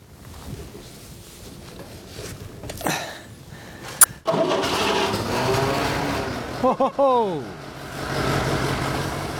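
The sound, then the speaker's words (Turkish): A tractor engine that has just been removed, cleaned and had all its pipes reconnected is started: it cranks with a sharp clunk, then catches and roars into a rough, loud idle, its pitch briefly revving up and down before settling into a steady rumble. “Artık kader anındayız.”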